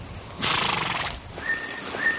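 A horse gives one loud, shrill whinny lasting under a second, quavering and bright, followed by a couple of thin, steady high-pitched tones. No one speaks.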